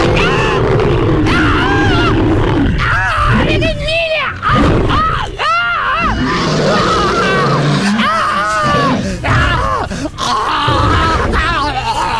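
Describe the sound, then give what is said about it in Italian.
A lion named Hannibal grunts and moans in loud bursts, its rough vocalizations rising and falling repeatedly amid excited human voices, as it leaps joyfully into the embrace of its former owner. “Con balzo gioioso, il leone si getta nell'abbraccio del suo ex padrone.”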